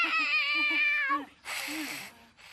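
A cat that does not want to be hugged lets out a long, drawn-out protesting meow, loud, followed by a second shorter, raspy yowl after a brief pause.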